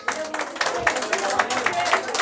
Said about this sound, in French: Et on peut applaudir les organisateurs, les animateurs de Radio Bonheur, si vous voulez bien.